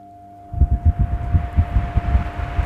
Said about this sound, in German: da hat uns unser Chef einen wunderbaren, großen, schönen Ventilator hingestellt und da habe ich neulich was Besonderes entdeckt an diesem Ventilator. So, dann machen wir das Ding hier mal an. Stufe 1.